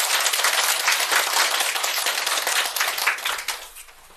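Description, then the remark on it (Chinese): A burst of applause in a class, welcoming the Cloud group up to present their game, many hands clapping in a dense, steady patter that holds for about four seconds before tapering off at the end. No one speaks over it. “那就掌声有请云朵组。”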